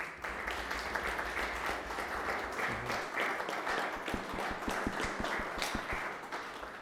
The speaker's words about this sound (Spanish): Le damos un aplauso.